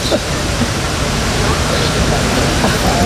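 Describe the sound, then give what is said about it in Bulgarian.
Water runs steadily from a public drinking fountain in Sofia as a boy fills his bottle, a continuous splashing hiss that holds at an even level for the whole few seconds without pause. “Синът ми си пълни бутилката, защото е жаден.”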